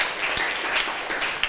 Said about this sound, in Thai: ถูกต้องค่ะนักเรียนปรบมือให้เพื่อนหน่อยค่ะ